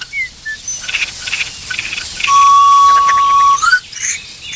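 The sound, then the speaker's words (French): A common chaffinch sings among other outdoor birdsong, its bright chirping phrases mixed with a long, steady whistled note and scattered calls, with no one talking. “Pinson.”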